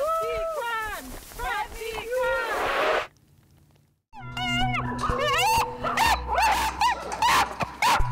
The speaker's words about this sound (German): Sie leiden. Viele von ihnen verletzen sich. Viele sterben. Zehntausende junge Hunde werden jedes Jahr in Europa geschmuggelt.